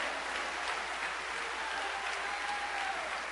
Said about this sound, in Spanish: Denle un aplauso al que vive para siempre.